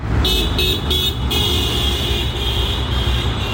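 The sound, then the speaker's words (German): Street traffic at the market square in St. Gallen on a Friday morning after daybreak, where commuters wait for the bus, with a steady low engine rumble and a shrill high whine that pulses three times, then holds steady over the noise. No one speaks. “Draussen ist es mittlerweile hell geworden und beim Marktplatz haben Pendlerinnen und Pendler auf den Bus gewartet, um zu arbeiten oder in die Schule.”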